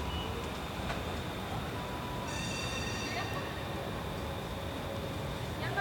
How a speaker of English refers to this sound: That's what I'm hearing. A lot of noise is the train. Beeping noise.